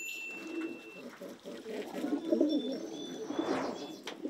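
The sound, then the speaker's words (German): Pigeons coo in soft, rolling low murmurs that overlap continuously, with a few thin chirps from other birds higher up and no talking. “Die Tauben sind immer ganz eng beieinander.”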